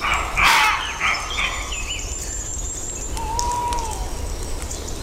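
Outdoors in Redes, Asturias, a red fox and a roe deer bark: a harsh, hoarse bark rings out, followed by a second shorter bark, the softer barking being the fox, with faint bird calls and a low rumble of background noise.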